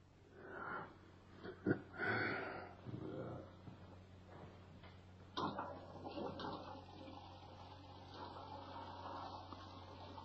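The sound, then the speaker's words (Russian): A few muffled knocks and rustles, then a toilet flushes torn papers away with a steady rushing swirl of water that carries on to the end, moderately loud, with no one speaking. “А теперь пойди... И спусти эти бумажки в унитаз.”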